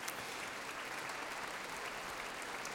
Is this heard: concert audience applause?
yes